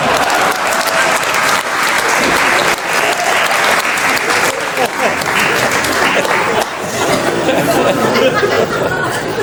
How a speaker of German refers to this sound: Ein Applaus für meine Assistentin